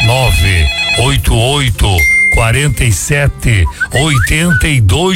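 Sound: telephone ringing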